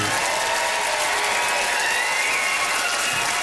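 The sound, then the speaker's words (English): Steady audience applause, a dense, even patter of many hands clapping at once, holding at a constant loud level throughout with no voices standing out; a Prince Edward Island crowd voting by applause for comedian Noor Hadidi. “Nice love, some nice organized applause there.”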